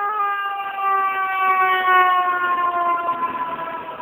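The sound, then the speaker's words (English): A fire engine siren wails loudly and steadily, its tone slowly dropping in pitch as it passes, with faint street rumble underneath and no voices. “Here comes the fire engine.”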